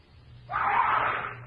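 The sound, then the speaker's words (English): A sudden sustained scream bursts in after a moment of low, quiet hum and holds at a steady, loud pitch until it cuts off, heard alone without any talking. “I head for the scream.”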